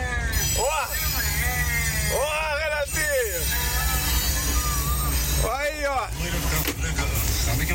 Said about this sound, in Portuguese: Descendo o caminhão aqui